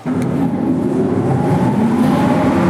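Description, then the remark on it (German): A loud, steady mechanical drone with a low rumbling hum and faint rising whine from old motors of the former ventilation and power supply system, still switched on today in the Simserhof artillery fortification, an underground fortification with a tunnel network up to 30 metres deep; running continuously without pause; no voices. “Ein paar der Motoren für die ehemalige Entlüftungsanlage und Stromversorgung lassen sich tatsächlich heute noch anschalten im Artilleriewerk Simserhof.”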